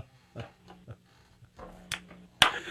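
A sharp, loud hand clap rings out near the end, preceded by a softer clap and a few faint scattered knocks over a low background hum.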